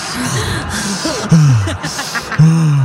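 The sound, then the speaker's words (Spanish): A voice imitates heavy, rasping respirator-like breathing of someone out of breath after climbing three steps at 2,800 metres altitude in Quito, Ecuador: loud, hoarse breathy rushes with a couple of strained, groaning voiced pulls, repeated in a slow in-and-out rhythm. “Sube 3 escalones allá y anda respirando como Darth Vader”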